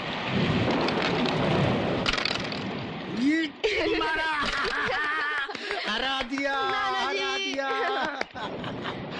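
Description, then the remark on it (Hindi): Steady, heavy rain hisses throughout with a low rumble near the start; after a few seconds, voices begin talking over the continuing downpour. “पर आज बारिश के कारण दोनों घर में बैठकर कैरम खेल रहे हैं।”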